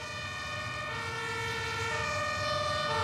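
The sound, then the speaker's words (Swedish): A fire engine siren blares steadily and fairly loud as six or seven fire engines arrive one after another after a fire alarm was pulled, its tone shifting partway through, over a low rumble of road traffic, with no voices. “Så vi ställde oss i slänten och man börjar se brandbilarna börjar komma ner där.”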